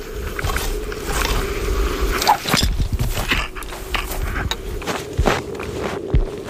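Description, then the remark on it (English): Crunching footsteps of a film crew taking their first steps onto sea ice above a couple of hundred metres of water. A steady series of crisp, crackling steps with a constant low hum underneath and no talking. “These are our first few steps onto the sea ice.”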